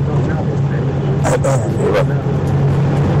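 A steady low engine drone and road rumble from inside a car moving along Route 151, a badly potholed road with heavy traffic, with a few brief clattering jolts midway as if the wheels hit bumps.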